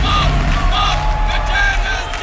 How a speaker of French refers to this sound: Greece! La Grèce et la Finlande qui filent vers le show de samedi sans surprise, aux côtés d'Israël aussi, dont la prestation a été légèrement perturbée. Bruit de sifflet et slogan « Arrêtez le génocide en soutien à la Palestine », tendez l'oreille.